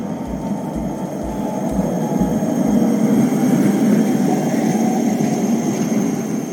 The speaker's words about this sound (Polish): Nie chodzi jednak o styl, a o hałas. Przejazd tramwaju to nawet 90 dB.